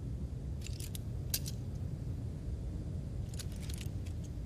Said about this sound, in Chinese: 钥匙我放这儿了